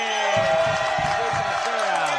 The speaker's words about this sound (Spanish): Un aplauso a ese señor, hombre.